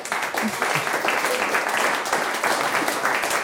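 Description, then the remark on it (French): Steady applause from a group for a guest who gave a correct answer on a quiz, a dense, continuous patter of many hands clapping with no pauses. “On peut l'applaudir.”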